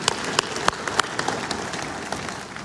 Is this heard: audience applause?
yes